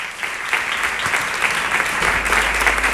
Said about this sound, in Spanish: Les pido un aplauso para Luis Ibarra.